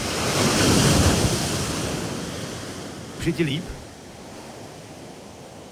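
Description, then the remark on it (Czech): A sea wave rolls in and washes up the shore with a broad, hissing roar that slowly fades, followed by a brief spoken question and quieter lapping surf. “Ještě čekám na další vlnu. Jo, už jede, je mi dobře.”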